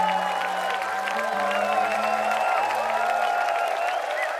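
A concert audience applauds and cheers steadily for a band's performance on 4 July at the Heinepark in Rudolstadt, a dense wash of clapping that keeps going throughout, with sustained musical tones humming underneath.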